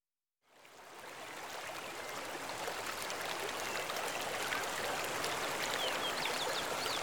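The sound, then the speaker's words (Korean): The Seo River (Seogang) at Cheongnyeongpo in Yeongwol, South Korea, flows steadily with a continuous rushing babble, fading in quickly and then holding at an even level. Fine trickles and splashes glint on top, and there are no voices. “서강의 물소리와 절벽에 부딪히는 바람소리만이 그를 찾아왔다.”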